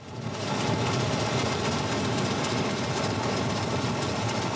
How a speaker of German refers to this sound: Ihr Motto: Grande amore, il treno a vapore.